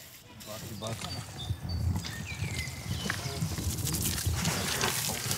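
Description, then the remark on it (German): Wet, squelching slaps and sloshes of a thick mixture of clay, water, horse dung and chopped straw being worked at a reconstructed medieval settlement in Lübeck, continuous, with faint voices and a few high bird-like chirps in the background. “Ton, Wasser, Pferdemist und gehacktes Stroh.”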